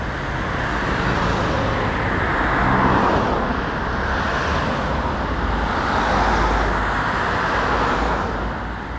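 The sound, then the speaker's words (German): Steady roar of cars rushing past on the busy four-lane Frankfurter Allee, loud, with a couple of swells as heavier vehicles pass; no one speaks. “Auf der anderen Seite der durchrauschenden Autos wartet auf uns der kommunale Bürokratie-Dschungel.”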